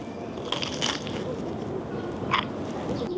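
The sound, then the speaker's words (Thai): Crisp crunching bites into crusty bread, a few sharp crackly bursts over a steady background hum, with no talking. “สมกับการที่เราเข้าคิวซื้อไหมครับขนมปังกรอบเลย”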